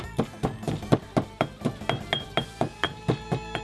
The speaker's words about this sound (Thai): แล้วถึงคราวโขลกพริกไทยดำหั่นเตรียมไว้คือหัวคามาคือผิวมะกรูดโขลกไปให้แหลกสักพัก